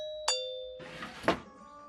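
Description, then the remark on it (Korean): The doorbell of the house of Rohan, a rhino friend, gives a bright ding-dong, the first chime ringing out clearly and lingering, the second note softer and muffled under a brief rush of noise. “오, 로한 집 초인종 제가 놀러도 돼요, 아빠?”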